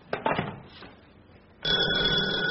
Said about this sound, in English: Darling, that was the front doorbell.